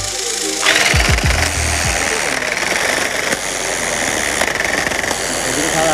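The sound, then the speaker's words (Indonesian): A tufting gun runs steadily through patterned canvas during the looming stage, a loud, continuous mechanical buzz with rapid rattling pulses, after a brief low rumble at the start. “Agar pengerjaannya cepat, proses looming menggunakan alat modern yang biasa disebut tufting gun atau mesin tembak menang.”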